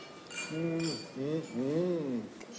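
Wine glasses clink together in a toast, a few bright chimes near the start with a soft ringing tone lingering, while voices speak over them.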